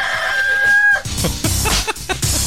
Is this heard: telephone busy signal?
no